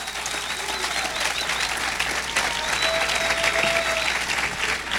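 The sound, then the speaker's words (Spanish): A church audience applauds steadily for several seconds during a sermon, a dense, sustained wash of many hands clapping at a fairly loud, even level with no talking. “Si el que siente aplaudir, pues que no tenga temor, pues.”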